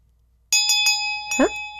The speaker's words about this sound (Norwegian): Det ringer inn til ny låt i 9-timen.